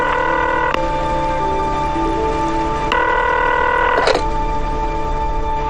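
A telephone call to an old family home in Xishui is dialed and rings: steady, loud electronic tones hold for a few seconds, then abruptly shift pitch with short clicks between them. No one speaks.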